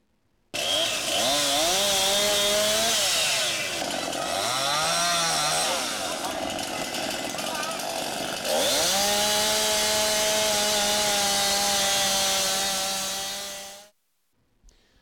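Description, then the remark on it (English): Loud chainsaws roar continuously at full throttle for about thirteen seconds in Kearney, southeast of UNK, cutting old trees damaged by wind gusts over 60 mph, less than 30 minutes after rain stopped; pitch dips and surges as the saws bite and rev, then cuts off abruptly near the end. “Chainsaws at full throttle less than 30 minutes after the rain stopped.”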